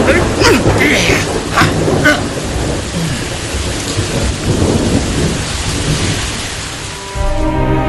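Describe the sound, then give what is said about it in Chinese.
Steady, heavy spring rain of the Guyu (Grain Rain) season pours down on newly planted trees and grass at Laoniupo, a dense hiss of drops spread evenly across the whole stretch, with low rumbles of thunder rolling underneath. “这是谷雨，这就有雨了。”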